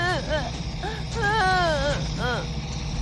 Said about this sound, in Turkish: Ne oldu? Neden ağlıyor? Çocuklar korktu. Onları sakinleştirmeye çalışıyorum.